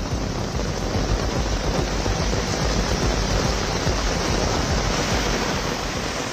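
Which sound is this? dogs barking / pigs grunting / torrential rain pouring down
torrential rain pouring down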